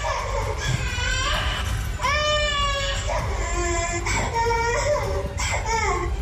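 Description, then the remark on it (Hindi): A toddler aged 2 to 3 is locked in a toilet at a day care centre on IT company Capgemini's HEL campus, lying on the floor and crying loudly and continuously. The child lets out a string of high, strained wails that rise and fall over several seconds, with brief catches of breath between them. “Video में बच्चा toilet में बंद है, फर्श पर लेटा हुआ है और जोरों से रो रहा है।”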